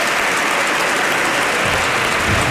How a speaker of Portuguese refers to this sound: Também agora aplaudido José Pedro Aguiar Branco. Saia daqui à meia-noite, comigo o Parlamento sempre. Aplaudido pelas bancadas do PSD e do CDS, mas também por alguns deputados do Partido Socialista